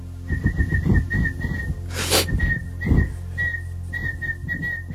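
A chiffchaff whistles a tune in a run of short, high, clear notes at a lively, steady pace, broken midway by a brief rushing noise, over a low background hum.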